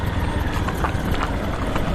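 Horse hooves clip-clop in a loose, uneven rhythm, a handful of sharp knocks standing out over a constant low rumbling background. No one speaks.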